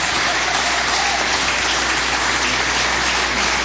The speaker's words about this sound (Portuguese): Todos com a palma, vamos receber o pastor Palmas. Glória a Deus.